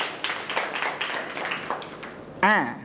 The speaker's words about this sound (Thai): ดูเฉลยเลยถูกต้องปรบมือครับ